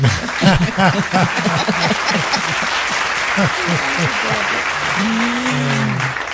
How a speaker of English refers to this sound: I got to give you another applause.